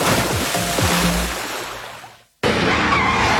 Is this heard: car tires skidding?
yes